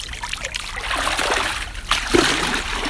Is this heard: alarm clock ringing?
no